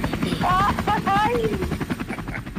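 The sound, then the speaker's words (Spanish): A helicopter's rotor chop pulses steadily and fairly loud throughout, with people talking over the rhythmic thumping. “¿Pues en el helicóptero o en el caballo?”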